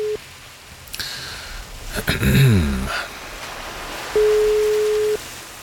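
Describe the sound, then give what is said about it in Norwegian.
A steady, single-pitched telephone ringback tone of a call to a man's home in Braskereidsfoss sounds for about a second near the end, with the tail of an earlier ring at the start and a brief burst of crackly line noise between. “La oss høre om han tar telefonen og hvordan det i Braskereidsfoss i dag.”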